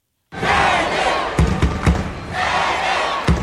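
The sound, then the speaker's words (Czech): A packed crowd in a judo hall in Baku, Azerbaijan, at the world judo championships roars and cheers continuously, with a few sharp thuds or claps punching through around the middle and again near the end. “Ono to je vidět i na té hale, že opravdu je narvaný publikum a ta atmosféra je opravdu krásná, akor když nastupuje domácí závodník.”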